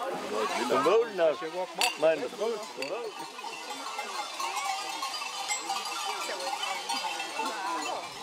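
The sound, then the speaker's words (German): A flock of sheep bleating as they arrive back home after being driven over the mountains, many overlapping calls at once, with bells clinking among them, continuous throughout. “Die Schafe haben ordentlich Wolle zugelegt.”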